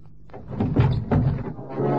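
A truck door is yanked open by a policeman: a couple of solid clunks and a grinding, metallic scrape, then a steady low rumble that carries on afterwards.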